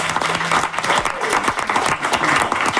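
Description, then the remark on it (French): A crowd bursts into steady applause for the production team of the radio show 15-18, dense overlapping claps filling the space at a fairly loud level and sustained throughout, with no speech rising above it. “Oui, on va les applaudir.”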